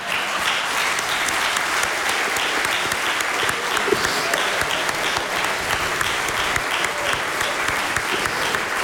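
Steady, dense applause from a large concert audience at the Kulturni center Laško, many hands clapping continuously at an even loudness for the whole stretch with no voices standing out.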